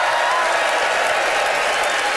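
A live audience at a show of The Debaters in London applauds and cheers steadily, a dense wash of clapping with scattered whoops, loud and sustained from start to finish with no break.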